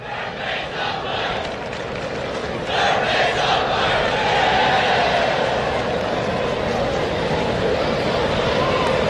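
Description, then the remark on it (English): A thin, scattered baseball crowd at Busch Stadium murmurs in a steady wash of indistinct chatter, swelling slightly a few seconds in and holding there, with no clear voices standing out. “Crowd is scattered here at Busch Stadium, as it has been all weekend.”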